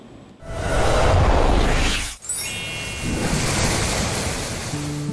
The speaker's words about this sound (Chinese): 大家看我手中的第4套人民币50元，它背面的取景地啊，就是我身后的黄河壶口瀑布，因此吸引了不少人前来这里打卡。黄河奔腾到陕西延安宜川县的这一段，河床猛地收紧，像被一把巨壶束住，河水轰然跌进深潭，冲刷形成了著名的十里龙槽。